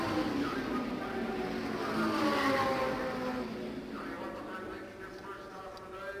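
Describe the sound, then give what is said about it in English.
Loud, droning race car engines sweep past on a racetrack, their roar building to a peak about halfway through before easing off as the cars move on; among them Al Unser's car number 1 and Pete Revson's number 86, battling for position. “Well, we'll take a look, and when they come by here, we'll swing around the track for one lap and see how that battle is coming.”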